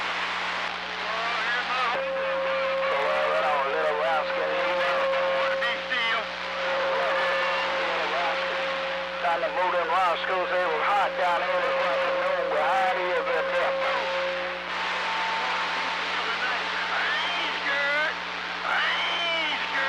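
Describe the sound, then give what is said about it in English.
A motorboat engine drones steadily and loudly throughout, a constant hum with a low tone, while out boating in Georgia, as a man talks over it for most of the time. “I'm boating Roscoe down here in Georgia, so I can't swing. So I got to talk wherever I'm at.”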